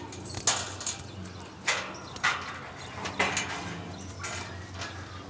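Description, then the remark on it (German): Keys jangle in several bright metallic bursts, scattered irregularly across a few seconds over a low background hum, with no talking, as someone tries to find the right key for a gate. “Und der richtige Schlüssel für das Gatter.”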